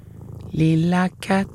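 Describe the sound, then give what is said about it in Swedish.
A voice imitates a cat's purr in two loud bursts: a longer steady hum followed by a short one after a brief pause. “Och så småningom vågade fröet prova nästan allt. Klappa katten.”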